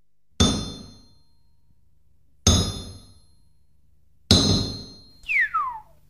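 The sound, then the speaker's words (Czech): Three heavy blacksmith's hammer blows strike metal at slow, even intervals, each one clanging loudly and ringing out before fading, the last followed by a sharp falling whistle-like tone. “Tu máš nejprve to menší kladivo, ať se mi tu nestrhneš.”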